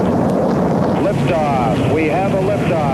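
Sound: rocket launch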